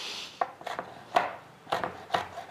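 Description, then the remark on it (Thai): A knife slices chili peppers on a cutting board to make chili vinegar for rice soup, about five or six crisp chops in an uneven rhythm, each a sharp tap with a brief scrape, with no one talking. “ว่าพริกอย่าหั่นหนามากนะคะ”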